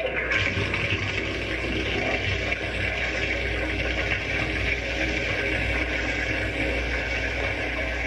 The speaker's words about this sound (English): Now I'll turn on the water so it can run through the pipes over the model. Watch the topsoil wash away.